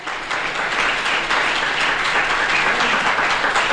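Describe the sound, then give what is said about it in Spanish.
An audience applauds together during a sermon, a dense, steady wash of many hands clapping that stays loud and even throughout, with no voices standing out. “Denle ese aplauso.”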